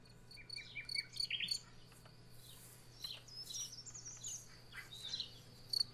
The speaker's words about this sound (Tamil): நம் நேயர் அடுத்ததாய் தேர்வு செய்திருக்கக்கூடிய பறவை சிட்டுக்குருவி.